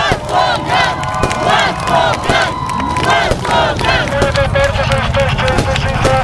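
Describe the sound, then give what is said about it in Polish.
A crowd of hundreds of people in Gdańsk cheers and shouts in welcome as a cyclist arrives after riding from Zakopane, many voices overlapping loudly and steadily throughout, with a series of short, repeated high tooting tones joining in toward the end. “Wyruszył na rowerze w piątek po południu z Zakopanego, a w niedzielę wieczorem dotarł do Gdańska, gdzie czekały na niego setki osób.”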